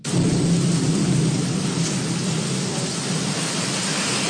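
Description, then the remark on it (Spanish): Steady, dense roar of heavy rain mixed with a deep, rumbling wind that holds constant and loud throughout, with no voices and no breaks in the wash of noise. “Está buena la lluvia, paisano, está precio. La lluvia. Mucho viento. Bastante viento, diría yo.”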